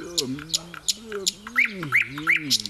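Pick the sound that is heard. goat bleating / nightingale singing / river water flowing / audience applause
nightingale singing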